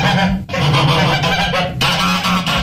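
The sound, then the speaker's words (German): A flock of geese cackles and honks loudly and continuously, their harsh overlapping calls filling the whole stretch with a dense, chattering din and only a brief dip partway through. “Gänse, die schnattern, können einem Uhühnen auf den Senkel gehen.”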